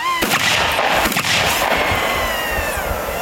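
gunshots at shooting practice

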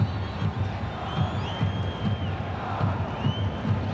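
stadium crowd noise

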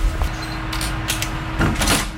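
door being opened

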